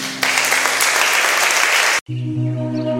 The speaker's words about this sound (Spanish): Con un aplauso, Jesús.